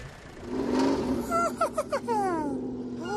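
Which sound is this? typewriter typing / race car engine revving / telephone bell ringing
race car engine revving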